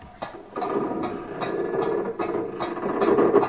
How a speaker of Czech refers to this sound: Právě přijel padací most.